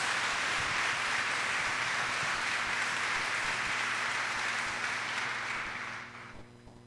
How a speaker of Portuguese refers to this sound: Acolhendo a todos, acolhendo você que está aqui lotando a Basílica Histórica, e você que dá o carinho da sua audiência pela nossa rede de comunicação, com aquela salva de palmas calorosa, fraterna.